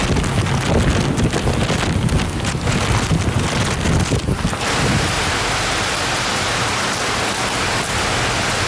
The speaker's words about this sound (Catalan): Es tracta d'una de les pitjors tempestes de les últimes dècades, amb un miler de quilòmetres d'amplada i amb vents de 145 quilòmetres per hora.